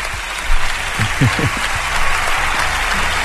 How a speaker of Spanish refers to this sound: Mira, todo te aplaude la gente.